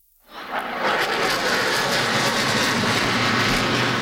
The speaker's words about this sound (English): Canadian CF-18 Hornets and American F-35 Lightning II warplanes conduct a flypast celebrating July 4th and U.S.-Canadian ties.